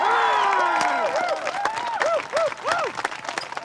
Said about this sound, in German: Und jetzt einen riesigen Applaus für unseren deutschen Meister, der damit nächstes Jahr qualifiziert ist für die Olympischen Spiele.